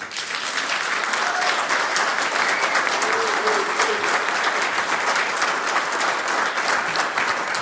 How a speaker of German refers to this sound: Großer Applaus in einem kleinen Stadtteil von Emmerich, ein kleiner westlicher Zipfel von Nordrhein-Westfalen, der so bei Kleve hineinragt in die Niederlande.